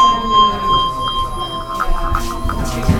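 A handbell rings with a bright sustained tone, then is shaken in the handbell technique called vibrato, so the ringing wobbles in quick, pulsing waves, fairly loud with no talking over it.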